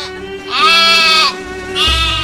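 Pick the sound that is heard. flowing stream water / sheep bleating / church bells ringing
sheep bleating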